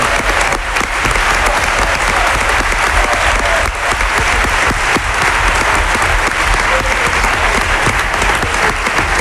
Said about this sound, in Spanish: Y Libre, mientras hay aplausos, está encantado con los aplausos. Es la persona que más aplaude, Villalibre, con diferencia.